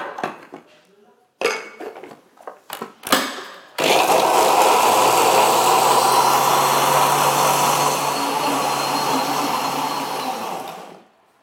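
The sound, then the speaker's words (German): A few sharp clinks and clatters of kitchenware, then a blender mixing ingredients including lemon juice and yeast flakes starts up with a loud, steady whirring roar that runs for about seven seconds before cutting off. “Und jetzt wird das Ganze gemixt.”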